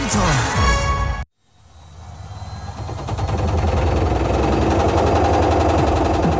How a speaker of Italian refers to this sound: Ancora con quella vecchia lavatrice che balla il tip tap? È ora di cambiare musica!